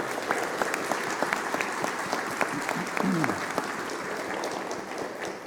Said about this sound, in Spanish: Le damos un fuerte aplauso, por favor.